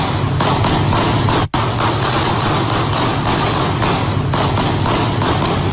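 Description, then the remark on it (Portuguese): A loud, dense volley of gunshots, dozens fired in rapid succession with barely a pause, the sharp reports crowding together into a continuous crackling barrage with no voices; police officers firing at a man lying on the street after hitting him with a stun gun. “E no áudio também é possível ouvir alguns tiros, dezenas de tiros, na verdade.”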